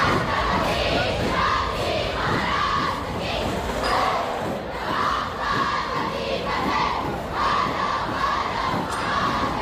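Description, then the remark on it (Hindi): A large crowd of thousands of Marathi people roars continuously at a celebration of the 353rd anniversary of Chhatrapati Shivaji Maharaj's coronation in Nagpur, with excited shouts and cheers rising in waves over a dense, loud wall of voices and a steady thudding beat of dhol-tasha drums underneath. “ढोल ताशों की गूंज, पारंपरिक कलाओं का प्रदर्शन और हजारों मराठियों का जोश, हर नजारे मानो शिवाजी महाराज के स्वराज के संकल्प को फिर से जीवंत कर रहा था।”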